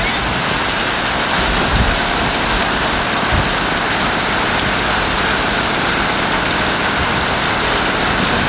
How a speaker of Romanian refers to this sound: Plouă, măzărițe tare, măzărițe moale. Cicere! Atenție, foarte mare, s-au format torenți, plouă torențial.